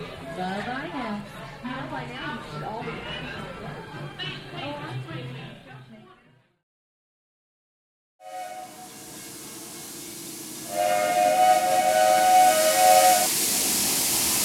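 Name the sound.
steam train arriving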